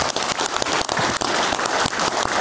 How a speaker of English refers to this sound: I think that's a key role, man. Yes, I do. Round of applause.